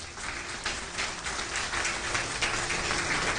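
An audience applauds, a dense, even wash of clapping that holds steady at moderate loudness for a few seconds, with no voices over it.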